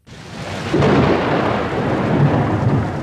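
Heavy rain pours down steadily in a storm in the mountains with strong wind gusts, a dense hiss with a deep rumbling swell of thunder or wind rising after the start and holding loud throughout.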